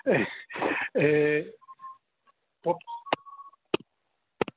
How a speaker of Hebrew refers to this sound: הלו? כן, כן, יש שם צפצוף.